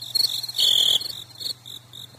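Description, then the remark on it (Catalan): A cricket chirps in a steady series of short, high-pitched pulses, with one longer trill midway, clear over a quiet background with a low hum, inside a studio. “Heu sentit? Guaita, si tenim un grill a l'estudi.”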